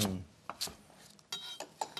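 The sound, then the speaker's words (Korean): A knife chops garlic chives against a cutting board into bite-sized pieces about two joints long, to go with napa cabbage: a handful of crisp, sharp thuds at an uneven pace, each one short and clicky, with no talking. “한입 사이즈로 두 마디 정도 사이즈로만 제가 자르도록 하겠습니다.”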